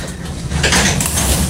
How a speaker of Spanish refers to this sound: Nos encontramos en el New Stadium, la casa del Inter Miami. Y sí, les tengo en exclusiva el lugar donde ocurre la magia, donde está la intimidad del Inter Miami y sobre todo de Leo Messi. Acompáñenme. Vamos a abrir esta puerta. ¿Están preparados?